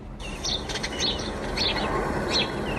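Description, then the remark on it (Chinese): Birds sing in a valley of the Fenglin Valley Forest Park in Huanren County, Benxi, in the eastern Liaoning mountains in summer, their bright, high chirps repeating in short bursts every half second or so, over a steady soft outdoor hiss with no voices. “走进本溪环仁县的枫林谷森林公园，鸟鸣山谷，满目苍翠，峡谷漂流、森林浴场、登山步道吸引着大批省内外游客前来避暑游玩。”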